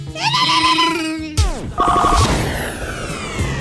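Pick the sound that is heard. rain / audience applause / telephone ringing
telephone ringing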